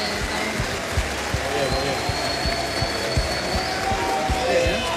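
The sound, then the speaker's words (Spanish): A crowd cheers in a steady, dense roar of voices, with sharp claps or thumps popping out at irregular intervals throughout, cheering as a vote for the South Africa shirt. “Mucho vitoreo para y ahora Sudáfrica.”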